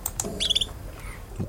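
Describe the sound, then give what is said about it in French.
A female bird's simple trill, a short, bright run of high rapid notes lasting about a quarter second, set against a low background rumble with a few faint chirps around it. “Et des trilles simples.”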